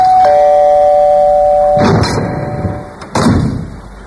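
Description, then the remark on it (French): A doorbell, rung by a man selling brioches in a reenactment, chimes with a bright, ringing tone that sustains and slowly fades, followed by two broad rattling thumps like a door being handled and opened. No one speaks. “un mec qui a sonné à sa porte et qui vendait des brioches.”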